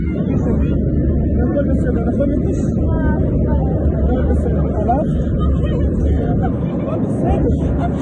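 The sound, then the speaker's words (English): A loud, steady roar of airplane cabin noise, recorded at the back of the plane in a video, fills the whole stretch without letup, with muffled, indistinct voices murmuring underneath. “It's taken from the back of the plane.”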